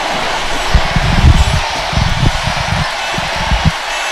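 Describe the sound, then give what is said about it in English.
A crowd at an event roars and cheers in a steady, dense wash of noise after an MC calls for more noise, with low thumping bursts rising and falling throughout and no single voice standing out. “Can ye make more noise?”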